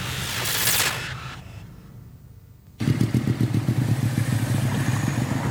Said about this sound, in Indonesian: Jenengan itu motor kok banter mentoh, Mbah? Iya, Le. Motorku anyar. Dadi numpake ya kudu banter no, wong anyar.